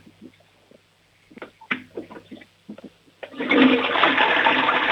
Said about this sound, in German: Oh, die Oma hat eine tolle Klospülung.